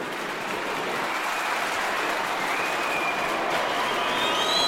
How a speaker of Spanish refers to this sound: Recibamos con un fuerte aplauso al maestro